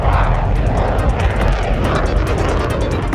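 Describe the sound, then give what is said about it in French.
A jet aircraft blasts off an aircraft carrier deck on a steam catapult fed by a nuclear reactor, steam released violently to propel it, a loud, continuous roar of engines and rushing steam filling the whole moment without letup. “Là, on va avoir vraiment comme des shoots d'appel de puissance où il faut libérer de la vapeur de façon assez violente pour propulser un avion.”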